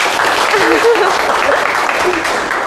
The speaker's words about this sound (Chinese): 好，非常积极主动啊，来，给点掌声吧。